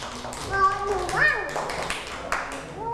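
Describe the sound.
A group of children clap in quick, uneven bursts of overlapping hand claps, mixed with excited young voices calling out over the applause.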